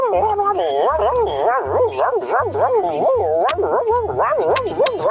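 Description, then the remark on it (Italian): A Labrador dog whimpers and yips while sleeping restlessly, in a steady run of high, wavering whines, each rising and falling in pitch, fairly loud, with a soft low thumping underneath. “allora devo portare anche il mio cane, mia, il mio Labrador, perché quando dorme è lì che si agita tutta.”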